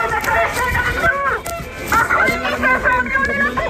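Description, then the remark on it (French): Car horns honk in support of protesting teachers forming a human chain outside the Sainte-Marie school in La Louvière, in steady, sustained tones, several overlapping blasts of mid pitch, mixed with a crowd's voices and general outdoor commotion. “Alors vous les entendez sans doute, les voitures klaxonnent pour soutenir les professeurs.”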